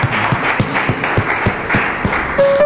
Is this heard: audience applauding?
yes